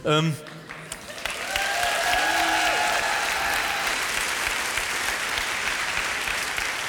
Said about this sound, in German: Viel Applaus, ein Buh, gut.